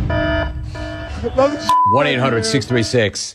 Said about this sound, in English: Anyway, there is your adultery alarm. Now you know that when you hear that, that means there is an update.